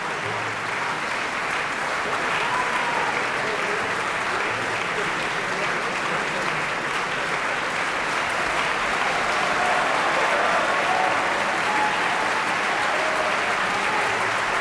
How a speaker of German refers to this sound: Dieser Applaus gilt jetzt Joyce El-Khoury. Sie hat die Rolle der untreuen Lina verkörpert.